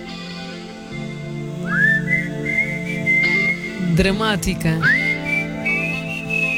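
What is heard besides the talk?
person whistling a tune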